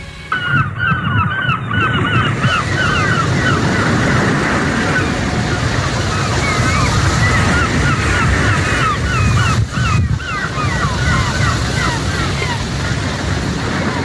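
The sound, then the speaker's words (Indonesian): A steady, loud wash of ocean surf rolling onto the shore of a remote border region in the morning, overlaid by a flock of geese honking repeatedly throughout. “Di sebuah wilayah perbatasan yang jauh dari hiruk-pikuk kota, pagi selalu datang bersama suara ombak dan langkah anak-anak menuju sekolah.”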